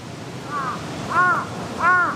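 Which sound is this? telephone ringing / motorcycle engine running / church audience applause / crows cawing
crows cawing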